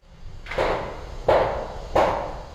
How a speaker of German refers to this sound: Der Kran schwenkt über den Rohbau. Betongerüste, Baulärm. Die Wasserstadt Limmer im Nordwesten Hannovers ist ein neues Quartier auf dem früheren Kontinentalgelände.